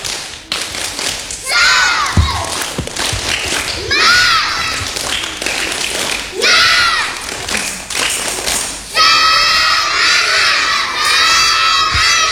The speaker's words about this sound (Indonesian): Sekarang sebelum kita mengakhiri acara Taman Bermain ini, ibu dan para pendengar sekalian ingin sekali mengajak dan mendengar tepuk semangat dari anak-anak di studio dan anak-anak yang ada di rumah juga dapat mengikutinya ya. Tepuk semangat.